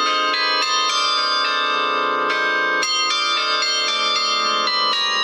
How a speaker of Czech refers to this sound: No, protože oni mají jako hlavní úkol koncertovat v tom městě, kde jsou takzvaně statutární a hrají třeba při příležitostech, když je v sobotu trh, tak aby se lidem dobře nakupovalo, tak k tomu hraje zvonohra z městské věže.